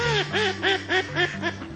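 A duck quacks in a quick, rhythmic series of about six nasal calls, fairly loud, with a low steady hum running underneath.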